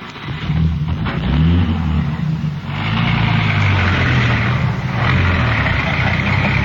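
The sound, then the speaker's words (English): A police radio car's engine runs loud and steady, rumbling low with rising and falling harmonics as it pulls away and accelerates, with no voices over it. “Here's the radio car.”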